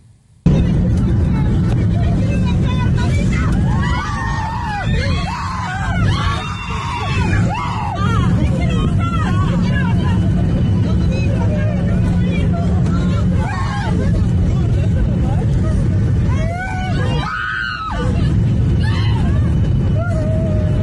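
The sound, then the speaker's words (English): A dense crowd of agitated passengers inside an aircraft cabin during an in-flight emergency, on a flight carrying 174 passengers including 27 children; overlapping shouts and cries rise above a steady low engine-like rumble, with occasional sharper screams breaking through the commotion. “Well, you can hear there's serious devastation inside the aircraft, just the absolute shock about what was unfolding.”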